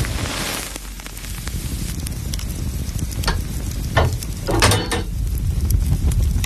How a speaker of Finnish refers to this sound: Sieltä se lämpiää. Lempeä löylyinen saunan kiuas. Katsokaas, kun pappa laittaa kiuasmakkaran paistumaan.